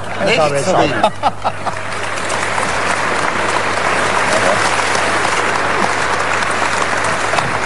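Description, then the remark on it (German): A large television show audience breaks into dense, sustained applause that holds steady and loud, following a brief moment of voices and laughter at the start. “dass du immer ein ungeheures Publikum vor dir hörst”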